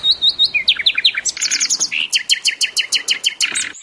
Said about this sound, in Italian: adesso facciamo cantare il nostro usignolo perché è arrivato il momento, come tutti i lunedì, di DJ Dillo.